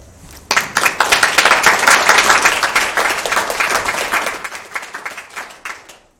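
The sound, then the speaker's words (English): An audience breaks into applause, a dense burst of many hands clapping that starts suddenly, holds strong for several seconds, then thins out and fades to a few scattered claps. “Let's give another round of applause for Jinji for such a good message.”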